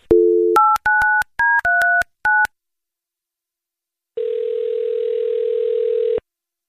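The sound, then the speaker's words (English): A brief dial tone, then a quick series of touch-tone beeps as a number is dialed to call a man's wife, followed by a pause and one long, steady ringing tone on the line. Clear, with no voices. “Let's get your wife on the phone. Here we go.”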